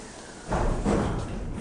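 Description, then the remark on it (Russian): A heavy door swings shut with a single dull, solid thud, its low boom lingering briefly over faint background noise. “Говорят, у меня дверь тяжелая. Да вот у кого дверь тяжелая.”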